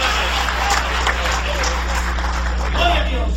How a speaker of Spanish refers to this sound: ¿Cuántos creemos en el Espíritu Santo? Dale un aplauso de poder al Espíritu Santo esta noche. ¡Aleluya!